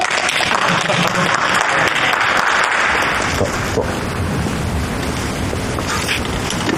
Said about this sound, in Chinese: 哎，大家伙注意了，那个，这就是咱们业界有名的唐晨大哥，大家鼓掌欢迎。